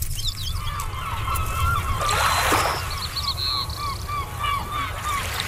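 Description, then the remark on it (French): Seagulls call repeatedly in a steady, squawking chorus over a constant low rumble of wind or surf with a brief burst of splashing noise. “Le mot déplié par notre poète de la Colombie-Britannique aujourd'hui, c'est le mot la mouette.”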